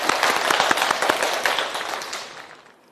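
A crowd bursts into applause, a dense wash of many hands clapping with sharp individual claps standing out, loud at first and then gradually fading away over a few seconds.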